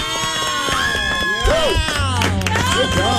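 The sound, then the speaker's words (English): A loud crowd cheers and whoops with many overlapping voices, while sharp clapping runs steadily underneath for the whole stretch without a pause. “Why am I clapping for myself?”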